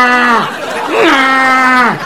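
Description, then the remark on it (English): A person loudly imitates a donkey braying: a short nasal call followed by a longer, drawn-out one that swoops up, holds, then drops away. “I wake up in the middle of the night. There's a donkey in my bedroom.”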